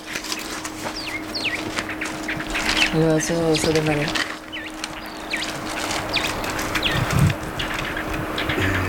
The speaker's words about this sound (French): Petit oiseau.